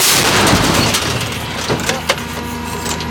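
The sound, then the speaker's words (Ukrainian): A heavy artillery gun fires one loud blast whose rough, noisy roar fades over a few seconds, followed by a couple of sharp metallic clanks. “Гармата!”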